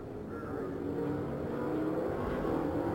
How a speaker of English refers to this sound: Now we see the seven cars ahead of our leader, John Paul Jr., beginning to accelerate. In corner number four, the pace car is on pit road, and indeed the green flag is out.